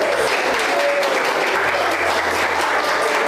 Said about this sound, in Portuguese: aplaudir, glória a Deus.